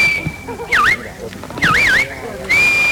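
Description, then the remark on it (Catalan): A shepherd's shrill whistled commands to sheepdogs driving flocks at the sheepdog trial in Prades, Baix Camp, Catalonia: a long steady tone, then quick swooping up-and-down warbles repeated in short bursts, ending on a rising note, with murmuring voices underneath. “A partir dels xiulets i crits dels pastors, els gossos van anar conduint els ramats per superar les proves plantejades pel jurat.”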